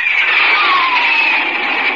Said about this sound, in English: That's a Republic Thunderjet, up on a test flight. Jets like that are pioneers of the sky, leading the way to the air age of tomorrow.